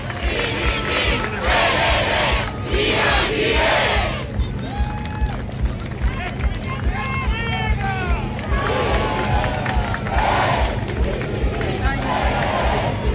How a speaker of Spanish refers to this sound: Escuchamos aplausos, escuchamos el ambiente hasta ahora en el Parque O'Higgins.